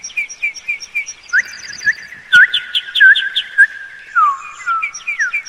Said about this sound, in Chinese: 没想到主播这么多才多艺，还会吹口哨，关注了。